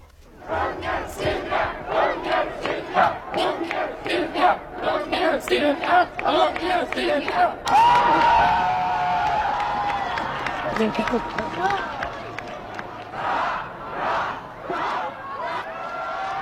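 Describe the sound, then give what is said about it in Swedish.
A large crowd cheers for the Swedish king and Silvia as they come out after a press conference, in loud, rhythmic surges, then swells into a sustained roar of many voices that rises and falls in waves. “Om det inte blev så många hurrarop för kungen den där höstdagen när han övertog tronen, så kommer folkets jubel idag.”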